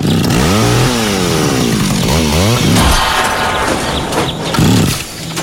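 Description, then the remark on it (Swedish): A small two-stroke garden power machine, not serviced at Lunds park och maskin in Lund, revs and sputters unevenly, its loud buzzing pitch surging up and down and stumbling as if it is about to stall. “En sak är säker. Den var inte servad på Lunds park och maskin.”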